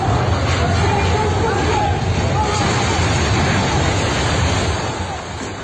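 A massive, steady roar of crashing rubble and deep rumbling as an apartment block collapses completely, in a video from February 2023, with a crowd's screams and shouts mixed into the continuous din, fading slightly at the end.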